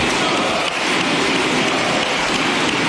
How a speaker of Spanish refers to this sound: Uno de los aplausos más largos que se había producido en el Congreso de los Diputados duró 96 segundos. Febrero de 2020, aplaudían a la derecha de Sánchez a José Luis Ábalos.